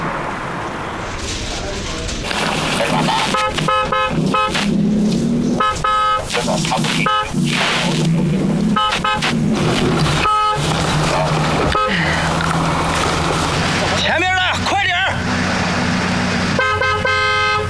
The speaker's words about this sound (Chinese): 按喇叭，催他，催他！